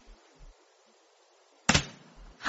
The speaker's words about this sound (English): That's the front door. Mm-hmm. What? The front door's just closed. And I suppose someone's just come in or gone out.